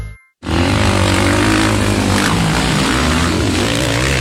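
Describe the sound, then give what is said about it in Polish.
After a split second of silence, speedway motorcycle engines burst in with a loud, continuous roar at the Speedway Euro Championship, the individual European speedway championship in Zielona Góra, Poland. Their droning harmonics hold steady with no voices. “Słyszysz to? To dźwięk wielkich emocji. Speedway Euro Championship. Indywidualne Mistrzostwa Europy na żużlu w Zielonej Górze.”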